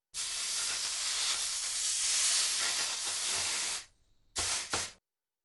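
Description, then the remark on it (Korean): A loud, steady steam hiss runs for nearly four seconds as a heated pot is set on a water-soaked cloth to cool slightly, then cuts out, followed by two short sizzling bursts. No one speaks. “온도가 내려갔을 때 다진 고기를 넣어야 하므로 물에 적신 행주 위에다 달구어진 냄비를 올려놓고 조금 식힙니다.”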